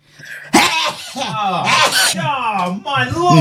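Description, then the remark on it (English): A sudden, sharp sneeze into a handkerchief held over a phone during a call bursts out after a brief quiet moment, followed by a stretch of voices talking. “Yeah, just I've got a hanky over the phone to sneeze away.”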